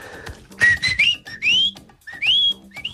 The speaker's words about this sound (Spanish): Vea nomás los silbidos. Vamos a ver con este nuevo silbido que nos viene aquí a continuación.